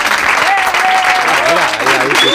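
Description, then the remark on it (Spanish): Loud, steady clapping from the live programme's own small studio team fills the whole stretch, with a few sharp whistles cutting through above it and some faint voices cheering underneath. “Oye, si los aplausos no llegan, no pasa nada, ¿eh? Los hacemos nosotros.”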